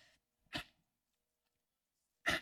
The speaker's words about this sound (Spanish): Perdónenme, no, qué mala onda de mi parte, perdónenme, les pido una disculpa, estornudé, ay, es que me dio la alergia, oigan.